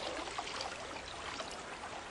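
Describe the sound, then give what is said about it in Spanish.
Steady splashing and dripping water, a continuous trickling wash with small bursts of splashes, no voices, as a moose feeds with its face under the water, catching aquatic plants with its lips. “A los alces les encanta comer plantas acuáticas. Meten la cara bajo el agua y pescan plantas con sus labios.”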